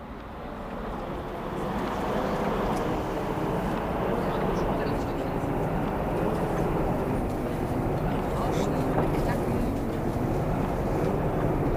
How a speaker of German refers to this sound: Na, die Straßenbahn, die rauscht da ganz vor sich hin so.